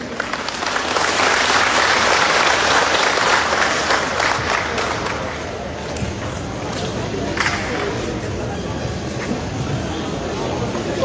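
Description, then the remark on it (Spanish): Loud, sustained applause from a large crowd welcoming Evo Morales at the swearing-in of the new board of the Federation of Intercultural Communities of Chimoré. It is a dense wash of clapping that stays strong throughout, easing slightly about halfway, with faint voices mixed in. “Y lo recibimos con fuertes aplausos, hermanos.”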